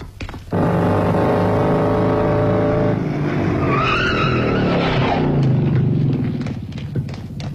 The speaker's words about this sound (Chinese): 一辆摩托车飞奔到刘晓晨住所门口